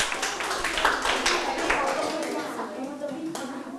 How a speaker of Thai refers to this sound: ถูกต้องปรบมือให้เพื่อนนะครับ